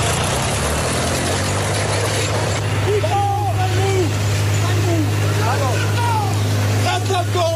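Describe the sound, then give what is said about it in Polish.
A tractor engine drones steadily, a loud, low, unbroken rumble, while voices call out intermittently over it in the second half; recording of an incident in Gliwice, Poland, in which a 60-year-old farmer damaged public road property. “Zamieściła też nagranie ze zdarzenia.”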